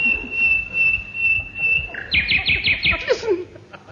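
An English bird sings loudly, a long steady whistled note followed by a rapid run of bright, repeated chirping phrases that slide downward at the end, over a low background murmur.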